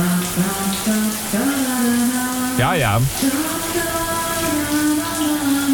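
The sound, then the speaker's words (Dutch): Steady hiss of shower water running throughout on a Monday morning, beneath a voice singing in the shower with long, sustained notes and a brief warbling vibrato partway through. “En die is hier onder de douche gestapt voor deze maandagmorgen.”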